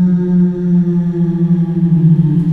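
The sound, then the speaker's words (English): An eerie, ghostly whale-like moan holds steady for a few seconds, a loud, droning low tone with layered harmonics and a slight waver, heard alone with no talking. “Very spooky ghost whale.”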